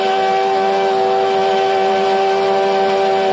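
A loud steam whistle blows one long, steady toot with a rich, chord-like pitch and a hiss of steam underneath, held unbroken from start to finish with no voices.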